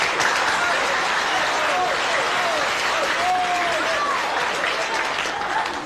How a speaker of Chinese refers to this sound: 你还特别鼓掌呢。